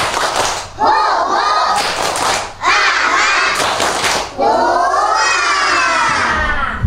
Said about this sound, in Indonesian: Tepuk semangat dulu yuk. Datang semangat, tepuk semangat. Tepuk semangat dua.